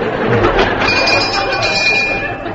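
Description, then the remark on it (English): A loud fire drill bell rings continuously, a harsh, unbroken metallic clamor that fills the whole stretch with a steady high shrill tone riding on top. “Here, what's the bell for? Fire drill.”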